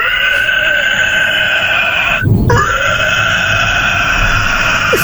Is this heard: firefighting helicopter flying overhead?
no